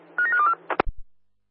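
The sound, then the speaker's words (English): A quick run of electronic telephone keypad tones, several short beeps strung together, as someone underground dials lift 1, which is not ringing or connecting, followed by a sharp click and a dull low thump before silence. “It's not ringing anything, press 2-3 times, but no response from there, over.”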